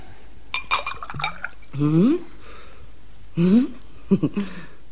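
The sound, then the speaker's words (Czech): A drinking glass clinks and rings a few times in quick succession as it's handled and offered for a drink, followed by short bursts of a voice. “Pardon, prosím, zde je sklenice.”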